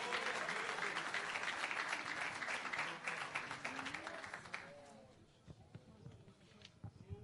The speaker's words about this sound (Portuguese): Vamos ouvir as irmãs que vão louvar a Deus. Vamos receber as irmãs com mais palmas para Jesus, igreja.